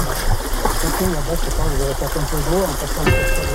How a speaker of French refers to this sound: Voilà. Alors dans la pêche, c'est ça, des fois il faut traverser aussi les rivières.